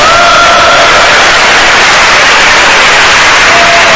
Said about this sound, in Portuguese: Pode bater palmas para Jesus, meus irmãos.